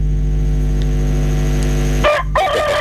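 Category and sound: bird, rooster crowing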